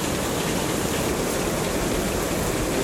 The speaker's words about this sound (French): Et le son presque guttural d'une cascade balayée par le vent retentit.